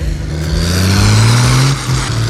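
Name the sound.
diesel tractor engine revving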